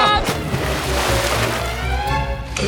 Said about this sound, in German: Kalle schlittert die Luke hinunter. Ach, nee. Arschbombe!